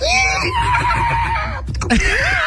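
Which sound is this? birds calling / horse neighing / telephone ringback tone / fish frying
horse neighing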